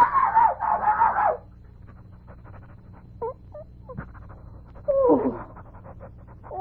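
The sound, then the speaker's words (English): A small dog named Pom-pom lets out a quick run of high, shrill barks, then pants and whimpers softly for a few seconds before one more sharp yelping bark. “Call to your dog.”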